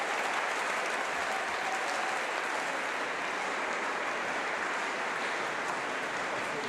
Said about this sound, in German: Als der letzte Ton verhallt, legt Patrick Hahn den Taktstock weg. Ein letztes Mal vor seinem Orchester und einem Publikum, das ihn minutenlang mit stehenden Ovationen feiert.